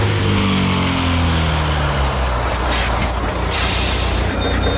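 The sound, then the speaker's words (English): The heavy engine of the Canberra Explorer bus rumbles loudly, its pitch sliding downward, while a sharp hiss of air brakes releases over the idling drone. No one speaks. “the Chilli FM Canberra Explorer bus, which you've heard at random times throughout the breakfast show”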